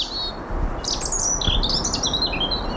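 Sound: european robin singing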